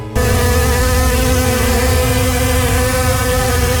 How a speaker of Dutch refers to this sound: Er zijn wel heel veel muggen. Ja, dit is een beetje aangezet, maar even voor het idee. Honderden muggen kwamen dat vliegtuig binnen vliegen.